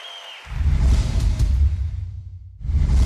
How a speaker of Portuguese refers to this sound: Obrigada, muito obrigada. Mais aplausos.